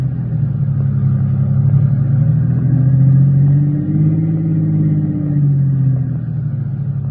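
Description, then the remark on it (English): A car engine rumbling steadily and rising and falling in pitch as it revs while the car swings around to park facing back the way it came, placed to block off another car pulled off the road, with no voices. “Swing around and park facing back the way we came.”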